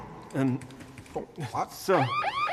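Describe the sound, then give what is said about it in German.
After a few clattering and vocal-sounding noises, a loud alarm system siren kicks in, wailing in rapid rising sweeps that repeat, piercing, until the end. “Schalte die Alarmanlage wieder an.”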